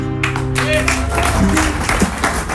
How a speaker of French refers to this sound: Et oui, il y a des gens à qui ça plaît, visiblement. Il a eu quelques applaudissements.